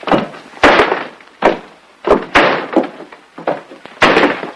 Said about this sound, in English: What happened? The door blew shut. I got locked in.